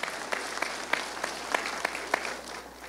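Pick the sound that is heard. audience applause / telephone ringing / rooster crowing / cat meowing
audience applause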